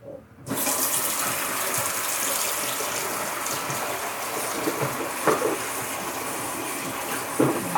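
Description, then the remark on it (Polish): A tap turns on and runs in a steady rush of water, with a few soft splashes and knocks as broccoli is rinsed under the stream. No one speaks. “Sobie ją najpierw umyję, tylko się trochę rozwaliła w sklepie, widzę.”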